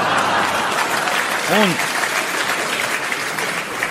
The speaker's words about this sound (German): So etwas von donnerndem Applaus gab's in Toggenburg zum ersten Mal.